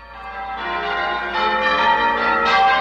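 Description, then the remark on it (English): Church bells peal continuously from a church tower, their overlapping tones ringing out in a rich, sustained wash that swells slightly louder toward the end, with no voices present. “You hear them ringing from a church tower.”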